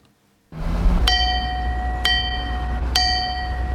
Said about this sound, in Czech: Dovolil jsem si takovou malou rozjívenost zaťukat na zvon bez srdce, který je na radniční věži v Třeboni.